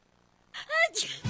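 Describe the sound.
A single sneeze: a short voiced intake rising in pitch, then a sharp, hissing burst of air, loud against an otherwise quiet background.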